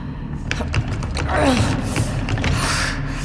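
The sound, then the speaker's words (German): Steady mechanical rattling and clunking from a door mechanism, with a short rising creak partway through; the door never swings open. “Die Tür soll aufgehen!”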